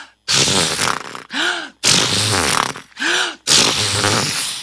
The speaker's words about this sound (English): Just then, they heard the neighing of seahorses.